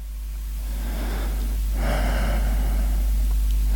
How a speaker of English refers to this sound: The walls in this hotel are thin. I can hear you being done. You sound like a nice, intelligent girl. From the way you gasp and moan.